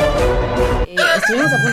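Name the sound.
rooster crowing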